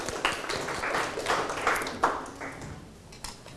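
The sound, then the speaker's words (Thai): A group of students at both the origin and destination classrooms clapping for themselves in a lesson after correctly identifying sentence parts, a dense, steady patter of many hands that carries on for a few seconds, with a few sharper claps standing out before it thins at the end. “แสดงว่าวันนี้นักเรียนทั้งต้นทางแล้วก็ปลายทางเนี่ยสามารถจำแนกส่วนประกอบของประโยคได้อย่างถูกต้องแล้วก็เข้าใจปรบมือให้ตัวเองอีกครั้งครับ”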